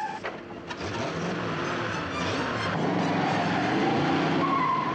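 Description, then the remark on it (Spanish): A car arrives on a snowy road and brakes hard with a loud, sustained skid, then whines as it backs up, engine and tire noise continuous for several seconds, no voices. “Frena y da marcha atrás.”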